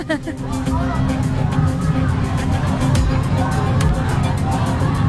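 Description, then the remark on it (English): A large crowd of thousands of protesters from multiple groups representing different causes, chanting calls to action, many voices overlapping into a dense, steady roar that stays loud throughout without a break. “You can hear all the different calls to action.”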